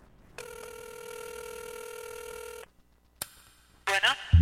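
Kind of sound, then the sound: signal or alarm, telephone ringing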